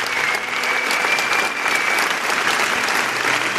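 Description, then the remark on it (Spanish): Sustained applause from a congress audience for Rafael Campillo and his work, a dense, steady wash of many hands clapping at an even loudness for several seconds, with no break or fade. “Y os pido un aplauso para él por todo el trabajo que hace.”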